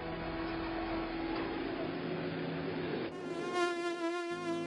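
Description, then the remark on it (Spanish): A mosquito buzzes continuously, a steady high whine with no talking, its tone briefly shifting and growing a bit brighter near the end. “Si tiene problemas de hormigas, roedores, mosquitos, cucarachas, pulgas, garrapatas, comején, llame a los expertos.”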